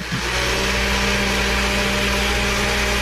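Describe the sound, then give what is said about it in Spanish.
A blender, switched on at home, runs steadily and loudly, its motor giving a constant whirring roar with a faint hum underneath, unchanging from start to finish, with no voices. “Bueno, entonces yo decía, bueno, si está en la casa, porque está prendiendo la licuadora.”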